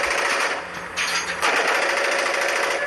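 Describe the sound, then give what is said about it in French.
A rapid, continuous rattle of automatic fire from a machine gun of the kind used in Ukraine to shoot down Russian drones, dense and harsh across the whole burst, holding steady and loud for about three seconds with no talking. “Alors sur leur téléphone, ces vétérans nous montrent des vidéos de drones russes abattus en Ukraine, ici ou ailleurs, par des mitrailleuses comme celle-ci.”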